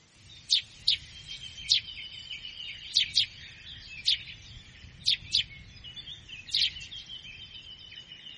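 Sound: sparrow chirping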